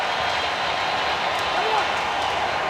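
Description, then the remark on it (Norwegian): A football stadium crowd applauds Nathaniel Mbuku as he is substituted off the pitch, a steady, dense wash of clapping that holds at an even, fairly loud level throughout without any distinct individual claps standing out. “Han klappes av her.”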